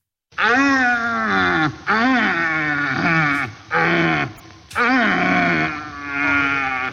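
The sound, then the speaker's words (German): A red deer stag of about 200 kilos from the Allgäu roaring during the rut: four loud, drawn-out bellows with a raspy, moaning tone that rises and falls, separated by brief pauses, with no voices. “Ja, ein Rothirsch, die haben gerade ihre Brumpf. Das heißt, die stehen da, schreien rum. Ganz komische Geräusche.”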